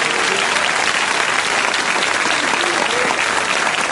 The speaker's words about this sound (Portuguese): Agora dá mais uma salva de palmas para Jesus, que é maravilhoso.